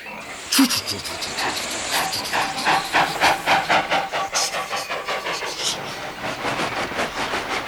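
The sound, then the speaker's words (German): A steam locomotive hisses and chuffs, its broad steam noise broken into a steady run of rhythmic puffs that quicken and fade slightly toward the end, fairly loud. “Schnell alles abladen und dann dampfe ich so schnell wie möglich zu McCall und hole das Stroh.”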